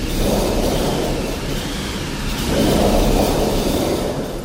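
A mechanical thunder machine, one of four exhibition machines simulating theatre sound effects (wind, rain, thunder), rolls out a dense, low rumbling roar in two long swells, the second slightly louder, steady and noisy throughout with no voices.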